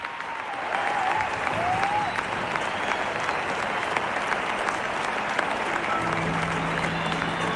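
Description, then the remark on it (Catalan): A large crowd at the Estadi Olímpic cheers and applauds continuously after a concert has ended, the whole audience standing and clapping with hands in the air and no music playing. Dense clapping and shouts fill a big open space, with a few whistles rising above the roar and a brief voice heard early on. “Silenci, no sona música, no sona res, només els crits i els aplaudiments de la gent,”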